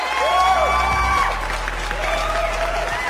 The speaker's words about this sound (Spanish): Que lo recibiéramos con aplausos, claro que sí.